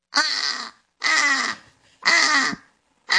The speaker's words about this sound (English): Okay, let's hear the British crow then.